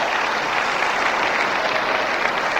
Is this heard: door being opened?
no